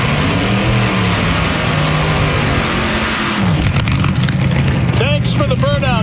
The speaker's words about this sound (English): They're going to do a car show. Would you fire that thing up, please? That 36 Ford over there.